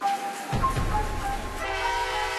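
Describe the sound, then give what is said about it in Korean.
Rumbling train noise fills the busy, large Giza train station, with a steady low engine drone and a sustained horn-like tone ringing over the clatter, fairly loud, with no clear speech. “야, 기차역이 엄청 붐비네.”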